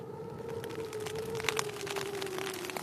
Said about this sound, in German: Man muss einfach Geduld haben. Ich kann ja nicht raus in den Regen und abbauen. Dann wird ja alles nass.